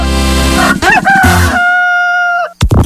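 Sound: rooster crowing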